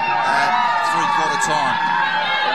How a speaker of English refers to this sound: So we're hearing the crowd just go off down here